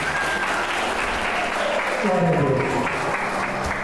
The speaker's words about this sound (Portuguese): Aplaudo o nome de Jesus.